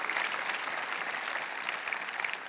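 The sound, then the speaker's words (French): An audience claps steadily in praise of God during a sermon, a dense wash of many hands at an even level that neither builds nor fades, with no voices standing out. “Applaudissez celui qui va vous rendre inébranlable.”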